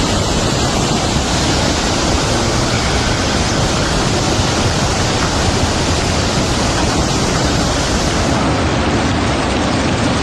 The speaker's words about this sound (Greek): Έτρεχε από εδώ πέρα καταράκτες.